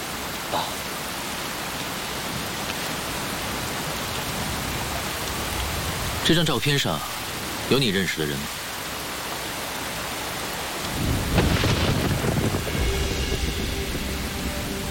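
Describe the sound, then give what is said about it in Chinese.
Steady rain pours down outside a shop in a continuous, even hiss that fills the whole scene. A couple of brief, sharper sounds break through midway, and the downpour swells slightly louder near the end. “哎，先生，这下雨打样了，需要帮忙吗？”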